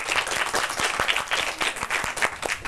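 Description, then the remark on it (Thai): An audience applauds steadily as souvenirs are presented to the lecturers after a talk on the Khao Tao reservoir: a dense wash of many hands clapping at once with some sharper individual claps standing out, sustained throughout. “ส่งมอบของที่ระลึกได้เลยครับปรบมือ”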